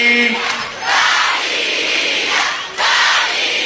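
A large crowd at a Radio Faraón recording in Argentina shouts "¡Dalí!" together, a loud roar that rises in two broad bursts that swell and fade, the second coming in with a sharp surge near the end.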